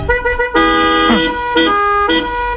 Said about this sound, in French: Et dans cette symphonie, c'est simple, suffit juste de jouer avec ton klaxon.